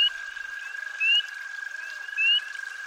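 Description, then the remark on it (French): Frogs and other amphibians of various species croak by a river in an American forest: a steady, high-pitched continuous trill, broken about once a second by louder rising chirping calls. No voices. “La rivière, des batraciens d'espèces diverses, et surtout l'activité des castors qui bâtissent des barrages.”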